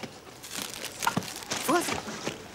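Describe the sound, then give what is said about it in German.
A plastic bag being held crinkles and rustles in irregular bursts, with a couple of brief voice sounds mixed in. “Ich kann die Tüte nicht mehr halten.”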